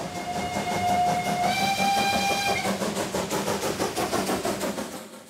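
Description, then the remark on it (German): A coal-fired museum-railway steam locomotive, running for a festival week, chugs along with a steady rhythmic beat while its shrill whistle sounds loudly for a couple of seconds, then fades as the chuffing continues. “Was mich fasziniert an der Dampflok ist das Zusammenspiel von Kohle, Feuer, Wasser, Dampf.”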